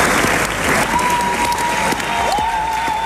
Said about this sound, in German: Zwischen den Jubelrufen und dem kräftigen Applaus gab es auch vereinzelt Buhrufe